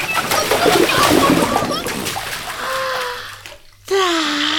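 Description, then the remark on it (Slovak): Lively splashing and sloshing of water as an animal dips its belly into the water to drive off fleas, fading after a couple of seconds into quieter, drawn-out vocal tones. “Ponorím do vody aj brucho a blchy mi prelezú na šiju.”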